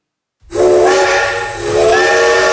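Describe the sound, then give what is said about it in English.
A steam train whistle sounds loud after a brief silence, a sustained harmonic shriek with breathy hiss, wavering slightly in pitch for about two seconds. “It was an 11-mile train journey from Leicester to Loughborough for a temperance meeting.”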